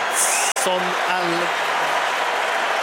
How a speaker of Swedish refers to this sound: Edson Alvarez, det är honom publiken jublar åt. Det är hans 99:e landskamp. Han är populär.